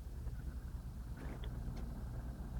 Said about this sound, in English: I can hear the airplanes flying overhead.